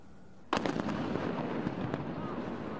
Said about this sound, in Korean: 큰 폭발음과 함께 짙은 연기가 바다 위로 솟아오릅니다. 루마니아 콘스탄차 흑해 항구에서 해상 드론이 자폭한 겁니다.